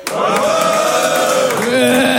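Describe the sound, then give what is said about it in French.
A loud, sustained roar from an audience of men cheering and shouting together after the host calls on the boys to make noise. The roar is continuous for a couple of seconds, with the pitch of the collective yell dropping near the end. “Les filles, faites du bruit pour voir.”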